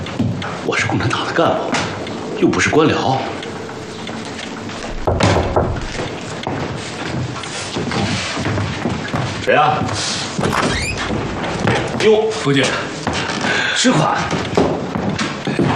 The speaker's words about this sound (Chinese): 嗯，谁啊？ 等等，我去开门。